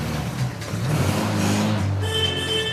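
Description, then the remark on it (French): A Mini car's engine, in a half-restored car on a test drive, runs steadily with a low, rumbling hum, its pitch rising slightly as it revs, then a higher whining tone joins in near the end. No one speaks. “Le moteur démarre, les sièges sont installés et même si la moitié de la voiture est encore à l'atelier de peinture, nos amis ne résistent pas à l'envie d'effectuer un test de conduite.”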